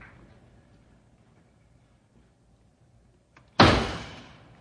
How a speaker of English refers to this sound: how many times must I tell you not to bang the door?